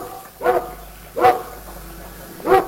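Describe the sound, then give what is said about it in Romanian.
A dog barks three times, with short single barks spaced about a second apart. They are clear, with no voices and only a faint background hum. “Noi avem un câine extraordinar.”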